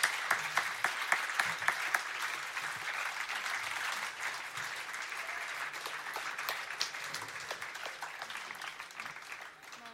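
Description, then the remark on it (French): A festival audience applauds the volunteers and organizers steadily, a dense wash of many hands clapping at a fairly even level, with a few sharper individual claps early on before it slowly thins out. “Bon, un super grand applaudissement pour tous les bénévoles et organisateurices.”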